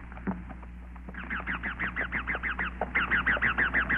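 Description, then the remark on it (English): Wild parrots screech overhead above a forest of bamboo and giant tree ferns in a rapid, steady string of shrill, rasping calls over a low rumbling background, starting faintly and growing louder and more insistent after the first second. “Overhead, wild parrots screeched.”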